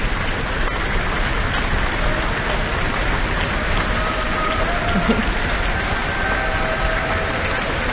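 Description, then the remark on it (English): An orchestra in a town hall stamps its feet to bring soloist Kobakina back onto the stage, in a dense, continuous roar, the many overlapping thuds merging with clapping and cheers into a steady, loud wash of noise that holds even for the whole stretch, with no voices. “And there is stamping from the orchestra to make sure the Kobakina comes back onto the stage.”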